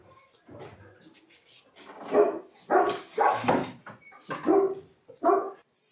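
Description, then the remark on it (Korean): A Komondor barks at a film crew about six times in irregular bursts, deep, loud and slightly rough, after a few quiet seconds of low background noise. “제작진을 보고 짖기 시작하는 코몬도르.”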